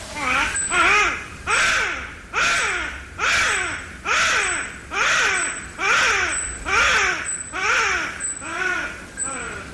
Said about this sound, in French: Alors c'est littéralement les bébés de la forêt, en français, car ils émettent des cris, des vocalises qui sont très semblables à ceux d'un bébé qui pleure. Et je te propose d'ailleurs d'écouter cette vocalise très caractéristique.